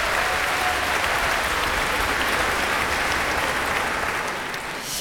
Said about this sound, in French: Jean-Noël, notre doyen, qui peut aussi se faire applaudir ce soir au violon.